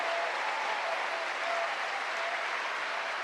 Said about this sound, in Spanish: ¿Cuánto le dan un aplauso a ese Dios bueno? A ese Dios grande.